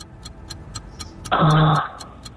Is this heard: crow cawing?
no